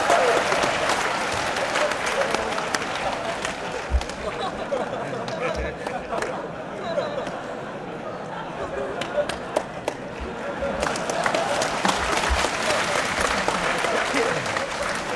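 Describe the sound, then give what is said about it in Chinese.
A crowd claps steadily for about fifteen seconds, a dense, even wash of many hands with a few sharper slaps standing out, dipping slightly in the middle before swelling again. “大家不要鼓掌，一鼓掌我容易骄傲。”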